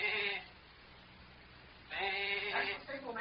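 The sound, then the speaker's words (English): A human voice imitates a sheep's bleat twice as a signal, a short nasal "baa" followed by a pause and a longer, wavering one, fairly loud. “Now, we'll slide out and give the sheep signal.”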